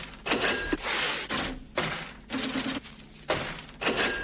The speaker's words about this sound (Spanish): Bueno, hay una caja registradora. Es un chanchito raro.